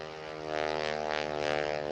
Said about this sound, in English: Don't you love all this airplane noise?